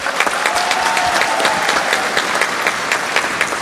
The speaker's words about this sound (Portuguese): Vou dar uma salva de palmas para os nossos frades.